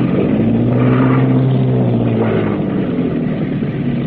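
A boat engine roars loudly and steadily at high revs in full reverse as the boat comes in to moor at a wharf in the rain, with a deep droning hum and churning rumble that holds for several seconds without any voices.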